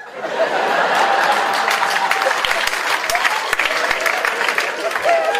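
A crowd claps steadily for several seconds, a dense wash of many hands with a few sharper individual claps, mixed with scattered chuckles and murmuring voices underneath.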